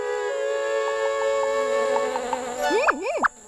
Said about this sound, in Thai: เอ๊ะที่นี่มีผึ้งด้วยล่ะ